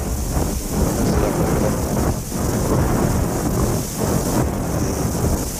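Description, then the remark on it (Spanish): A loud, steady roar of storm wind and rain buffeting the microphone, with deep rumbling surges rising and falling throughout; no one speaks. “O el viento, esta tormenta, va a dificultar el cierre de la entrevista.”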